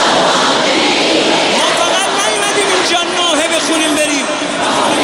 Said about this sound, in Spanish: El sonido de las miles de personas que han acudido a la gran mezquita de Mosalla en Teherán para despedir al dirigente. Durante la ceremonia se han escuchado gritos de venganza, mientras muchos asistentes se golpeaban el pecho en señal de duelo